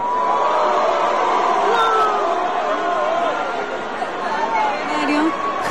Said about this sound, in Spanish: Y empiezan los abucheos. Y llaman también a su esposa. Hubo un poquito de respuesta, pero siguieron los abucheos.